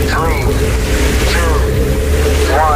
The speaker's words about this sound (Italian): Accensione motori.